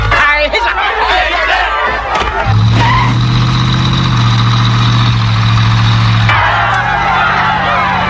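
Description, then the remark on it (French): A car engine rumbles loudly and steadily for several seconds, its low droning hum rising up amid a noisy crowd of shouting voices before cutting back off. “Je vous ordonne de relever le numéro de cette voiture.”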